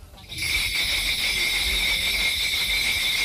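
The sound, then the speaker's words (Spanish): Bells jingle continuously and briskly in a dense, bright shimmer during a Korean shamanic gut ritual, starting suddenly and staying loud and steady throughout, over a low rumbling background with no voices. “Te he traído un fragmento muy pequeñito para que os pongáis un poco en ambiente de qué es lo que suena y cómo se produce este ritual, y se llama GUT.”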